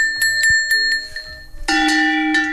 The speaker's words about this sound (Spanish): tenemos unos cencerritos que son reproducciones de los cencerros que llevaría normalmente el ganado